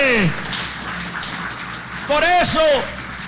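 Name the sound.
audience applause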